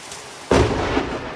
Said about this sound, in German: Ein gewaltiger Blitz kracht in das Haus